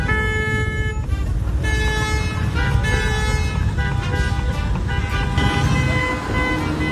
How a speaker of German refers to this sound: Zuletzt haben sie sich zu zweit in ein Dackelkostüm gesteckt, haben ein Pappschild dabei gehabt, wo drauf stand, ihr hupt, wir trinken, 2 Flaschen Bier und dann ging's ab durch die Innenstadt.